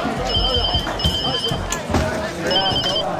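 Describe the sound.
A telephone rings in repeated bursts, its bright trilling tone pulsing in three clear rings over busy noise with people talking.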